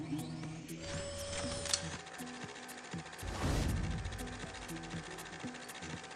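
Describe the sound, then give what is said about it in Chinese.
An automated library book-transport cart runs along its rail, carrying a reader's requested book upstairs to the second-floor service desk after closing its door automatically: a steady motor hum and whine with regular ticking clicks, a short rising mechanical whir early on, and a brief whooshing rush midway. “对对对，直接装进去，它就自动关门，然后就把这本书送到楼上去了。”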